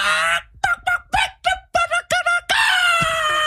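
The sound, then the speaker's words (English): A voice calls hens in the manner of Chalatenango, El Salvador, sounding like a rooster's crow: a long strained cry, then a run of short choppy clucking bursts, ending in a loud sustained high-pitched crow. “That sounded like a gallo, fool.”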